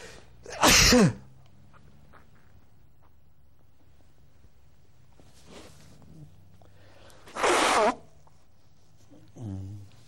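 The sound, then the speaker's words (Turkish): Two loud, sharp sneezes about seven seconds apart during a Quran recitation, followed by a brief voiced sound near the end; otherwise quiet with low background hum. “Biraz hapşırıklı bir okuma oldu ama böyle söylüyor Kur'an-ı Kerim'de Allah-u Teala.”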